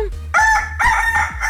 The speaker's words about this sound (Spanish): un gallito